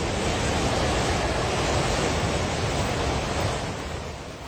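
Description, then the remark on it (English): A loud, steady roar of rushing muddy flood water from flash floods in Nepal, the Trishuli River surging through Himalayan mountain villages, a dense torrent churning continuously before easing slightly toward the end. No voices are heard. “Videos shared by police and on social media show torrents of muddy water crashing through mountain villages.”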